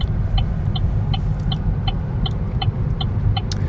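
A car drives steadily along small departmental roads in the hills of Occitanie, southwest France, towards the hinterland of Agen in Lot-et-Garonne to visit artist Augustin Frison Roche, its low engine and tyre rumble constant, with a faint, evenly spaced ticking repeating throughout. No one speaks.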